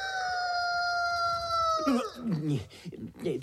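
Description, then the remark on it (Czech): A voice imitates a chicken, holding one long, steady high note before breaking into choppy, bobbing clucks. It is fairly loud, with no other talk over it. “Tady se nedá pro ty tvé ukdákané říkanky spát, abych nevstal a nevzal na tebe tu tvoji pomlásku a nezarecitoval ti po zádech.”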